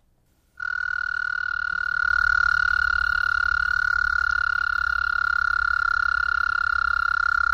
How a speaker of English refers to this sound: Practically, though, it was the call, you know, the windows open, could hear these toads, the loons calling. Yeah, the American toad is really getting his singing in.